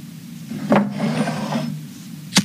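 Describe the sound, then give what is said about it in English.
A sharp scrape like a struck match, followed by a soft, rasping flare of hiss lasting about a second as a candle taken from a desk is lit, then quiet until a single crisp click near the end. “Let me just grab that candle from the desk and light it.”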